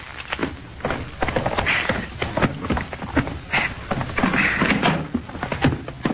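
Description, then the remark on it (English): A door being unlocked with keys and opened: a busy run of metallic rattles, clicks and wooden clunks over several seconds, fairly loud, with no one speaking. “All right, go ahead and open the door, sort of.”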